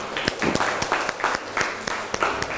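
A crowd applauds steadily, many hands clapping in a dense, continuous patter with a few sharper individual claps standing out, moderately loud and close, with no talking over it.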